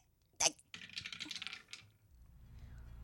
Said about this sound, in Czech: Hele, já vemu kostka. No dobře. A já hazu, jo?